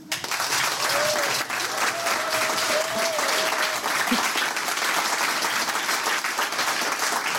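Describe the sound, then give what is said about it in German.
Loud, sustained applause from a large, full studio audience fills the whole stretch, a dense steady wash of clapping with a few faint whoops or cheers rising briefly above it. “Und wenn es richtig voll ist, klingt es auch extrem voll.”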